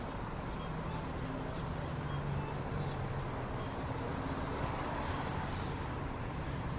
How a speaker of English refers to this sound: And you get to hear all the sounds of traffic as I get back in the car.